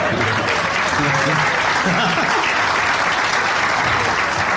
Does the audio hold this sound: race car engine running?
no